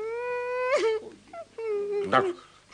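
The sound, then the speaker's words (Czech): A boy cries and wails, two long drawn-out, high wails, each breaking into a choked sob, with a brief gasping pause between them. “Tak dost už pláče.”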